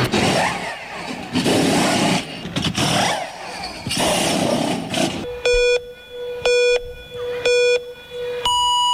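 A Formula 1 racing car roars with a high-revving, wavering engine whine for about five seconds, then a run of four loud, evenly spaced electronic beeps follows.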